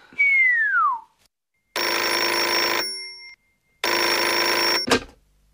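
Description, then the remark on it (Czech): A telephone bell at Gage's residence rings loudly in two long, rattling bursts separated by a pause, preceded by a brief descending tone and cut off by a sharp click as it is answered. “Rezidence Voltra Gage, u telefonu pan Gage.”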